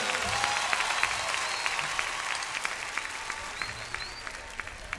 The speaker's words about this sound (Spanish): fuertes aplausos para el que se lo merece.